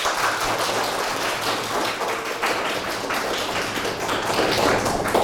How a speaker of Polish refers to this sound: Myślę, że dla dodania otuchy zachęcimy nasze prezentatorki, dodamy im troszeczkę odwagi, prawda? Poproszę też o brawa.